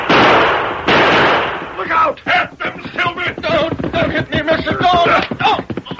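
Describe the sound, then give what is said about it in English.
Two loud, sharp gunshots crack back to back, each leaving a brief noisy tail, followed by a stretch of excited voices talking over scattered background noise. “Come on, Dirk, shoot.”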